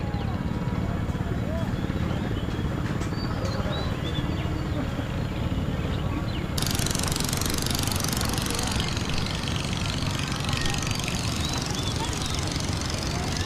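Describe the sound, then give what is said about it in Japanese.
The engine of a motorboat used as a school boat, taking children to school on a highland lake at 900 metres on a cold morning, runs steadily, a loud continuous rumbling drone with a rougher, brighter chug that comes in partway through and stays to the end. “スクールバスならぬスクールボートだね。”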